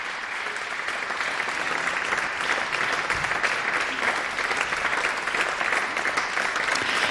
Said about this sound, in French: Sur ces applaudissements, je vous propose de quitter la Chaux-de-Fonds, mais de poursuivre notre écoute de la musique de Sarah Nemtsov avec une œuvre enregistrée à Bâle, aussi en 2022.